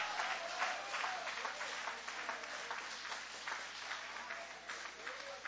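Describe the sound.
A church audience applauds with hands raised high, praising and worshipping, with dense, steady clapping that keeps up for several seconds at an even loudness, and a few voices calling out underneath.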